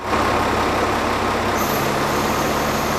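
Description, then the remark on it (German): A camouflage military truck drives into one of the halls at Messe Essen during setup for a new defence trade fair. Its heavy engine rumbles steadily with a broad, loud roar and low droning throb, holding constant for a few seconds with a faint high whine joining partway through; no one speaks. “Ein tarnfarbener Militär-LKW fährt in eine der Hallen.”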